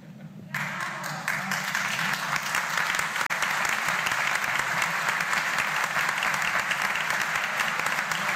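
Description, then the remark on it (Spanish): An audience bursts into sustained applause after a brief quieter moment, a dense, steady wash of many hands clapping at once that holds loud and even to the end. “Y esos aplausos que sirvan para rezar por los curas.”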